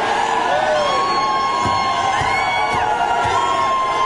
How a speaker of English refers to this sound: And they're all jeering, and they're ignorant. Listen to them. They're mental. Every day is Scream at the Sky Day.